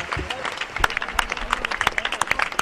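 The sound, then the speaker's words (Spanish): A crowd in Pontevedra applauds the end of a festival proclamation speech with steady, dense clapping from many hands, continuing through the whole short stretch, with faint murmuring mixed in. “Falará o alcalde agora, aplausos sí. Para o pregoeiro.”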